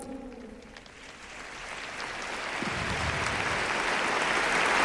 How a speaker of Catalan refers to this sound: Grans aplaudiments a aquest testimoni que estem escoltant d'aquesta jove.